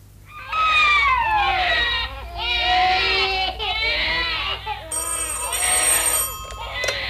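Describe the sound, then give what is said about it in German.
Several newborn babies wail at once in a hospital infant ward, in overlapping, rising and falling cries that continue loudly throughout, with a high ringing tone joining in over the last couple of seconds. “Die Kinder schreien und auf der Straße sind Lautsprecherwagen.”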